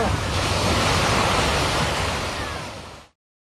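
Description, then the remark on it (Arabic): Steady, loud roar of sea waves and surf in the open sea between Morocco and Spanish Ceuta, where a family with young children is in the water; a dense rushing noise that holds for about three seconds before fading out quickly. “كما تابعنا أسرة مكونة من أب وأم وأطفال صغار جميعهم في عرض البحر في مشهد مؤلم، ولكن دعونا نعود للوراء قليلا لنشاهد كيف انطلقوا من المغرب نحو سبتة الإسبانية.”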